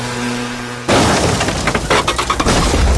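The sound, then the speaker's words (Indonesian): A motorcycle crash: after a steady low hum, a sudden loud impact bursts in, followed by about two seconds of clattering, scraping and shattering debris, with no voices. “Kecelakaan apa?”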